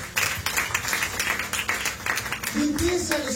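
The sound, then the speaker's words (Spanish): An audience claps their hands together as an offering of applause to the Lord, in a dense, steady wash of applause, with a voice briefly calling out over it near the end. “Es una ofrenda de palmas a nuestro Señor.”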